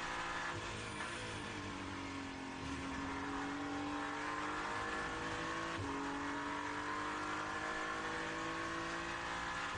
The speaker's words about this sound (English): Hypercar coming past Dan Harper as he just lifts for a moment and allows the car to go back.